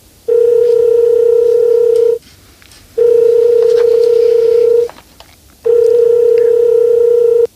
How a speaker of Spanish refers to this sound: Automáticamente coges el teléfono y marcas el 092 o el 091.